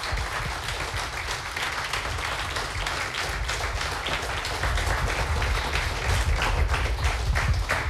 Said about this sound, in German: Noch einmal einen großen Applaus für alle Finalisten, bitteschön.